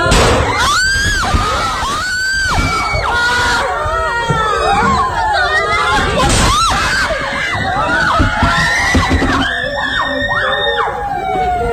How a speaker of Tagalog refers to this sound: May nangyari kasing pamamaril sa loob mismo ng eskwelahan. Sa isang video nakuha sa loob ng isang classroom, maririnig ang iyakan ng mga estudyante. Maya-maya magugulantang sila sa putok ng barila.